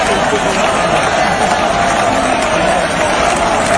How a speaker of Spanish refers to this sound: Vamos a recordar esto, ¿te parece? Sí, vamos a escuchar la ovación de la gente.